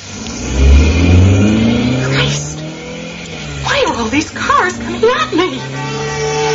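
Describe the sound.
An Alfa Romeo car engine revs up loudly, its pitch climbing as it pulls away, then keeps droning steadily while voices talk over it.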